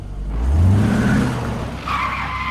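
A car's tires skid loudly on pavement in heavy traffic, a rising engine roar giving way to a sustained high screech near the end, all within a couple of seconds.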